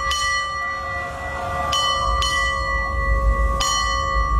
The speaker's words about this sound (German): Guten Morgen, hier ist NDR 1 Welle Nord und wir glasen hier jetzt mal an, läuten die aktuelle Uhrzeit mit der Glocke für Sie.